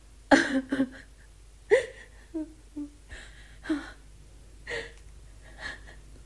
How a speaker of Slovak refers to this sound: Kto to tak ticho plače? Kto ešte prišiel s tebou? Istá stará žena, ktorá ma vodí po cestách.